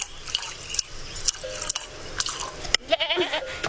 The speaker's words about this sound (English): Is that your goat? Yes, sir. Would you be so kind as to fill your cup with milk for this tired boy?